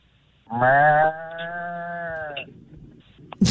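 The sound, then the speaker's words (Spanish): A person imitates a bull's bellow with one long, drawn-out, buzzing low call lasting about two seconds, loud, followed by quiet and a short sharp noise at the end. “Una vaca, escuchemos la vaca. Bueno, un toro.”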